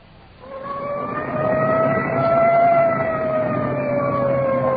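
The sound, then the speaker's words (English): A Culver City, California police detective unit's siren wails loudly and continuously as it clears a path through traffic on the way to a crash scene, its pitch gliding slowly up and then easing back down, over a low rumble of engine and traffic noise. No one speaks. “Siren clearing a path through the traffic.”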